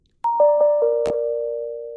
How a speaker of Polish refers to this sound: I to są normalne dźwięki powiadomień, jakie no można by sobie spokojnie ciekawe, wystawić czy gdzieś się tam.